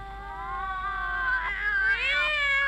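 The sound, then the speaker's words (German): A small cat meows in one long, drawn-out cry, its pitch wavering and rising toward the end. The cry is fairly loud, and no one speaks. “Kleine Katzen sind so trollig und so wollig und so mollig, dass man sie am liebsten küsst.”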